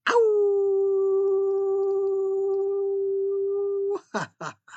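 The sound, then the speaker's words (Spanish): A voice imitates a wolf howl: one long, steady, loud howl held for about four seconds, followed by a few short, sharp yips trailing off. “Y pues yo les deseo buen descanso, les envío muchos aullidos.”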